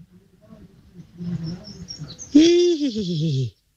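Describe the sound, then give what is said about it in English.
A person imitates a horse's whinny: after some soft, low murmuring, one loud, quavering call bursts out and wobbles downward in pitch for about a second before cutting off. “Took us a while there, but eventually the horse woke up.”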